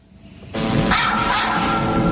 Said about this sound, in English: A drone was equipped with a camera and a speaker. The sound of dogs barking and other loud noises were projected from the unmanned aircraft.